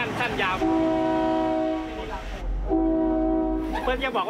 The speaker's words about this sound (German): Die Ausweichstellen auf der Strecke haben keine Signalanlagen. Es gibt nur Bahnhofsschilder. Wenn wir ausweichen müssen, halten wir kurz vor dem Bahnhof und hupen zweimal.